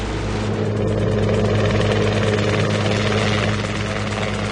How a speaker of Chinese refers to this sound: 5架直升机已经超低空掠过山谷，扑向这个工地。